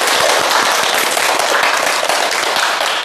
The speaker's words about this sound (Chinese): 哎，不错啊，大家给他鼓掌。